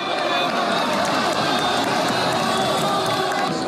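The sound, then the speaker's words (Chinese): A large crowd at a robot fighting match roars with loud, sustained cheering and shouting, a dense wall of voices with scattered clapping, steady and intense throughout, as the robot White Eagle lands a high whip kick on the head of the robot Bullfighter. “当白色雄鹰一记高鞭腿精准命中斗牛士的头部时，全场爆发出震耳欲聋的欢呼。”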